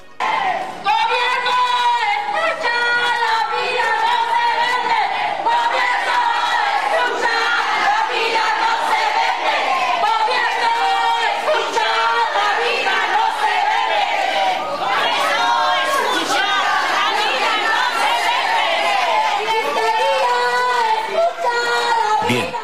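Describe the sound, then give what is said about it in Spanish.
A protest crowd for animal protection, marching toward the State Congress, shouts continuously for over twenty seconds. Many voices overlap in loud, strained cries and chants that rise and fall without pause. “Escuchemos parte de los reclamos, de los gritos que se dieron en esta manifestación ayer rumbo al Congreso del Estado.”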